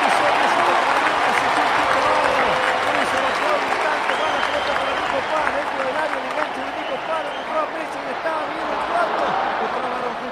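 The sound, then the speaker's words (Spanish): A large stadium crowd at a football match applauds and roars after a run by Lionel Messi, in a steady, loud wash of clapping and cheering that barely lets up for the whole stretch, with a voice talking underneath. “Corre Lionel, pase de Bacalister, y largo, llega Messi, la deja contra la línea, aplaude el señor de locos.”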